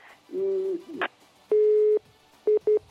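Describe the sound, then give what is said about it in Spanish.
A telephone busy tone sounds after a caller's phone call from Jimena de la Frontera drops: a long steady electronic beep, then two short ones in quick succession, loud over faint line noise. “Ay, pues se le ha ido el teléfono a nuestra amiga”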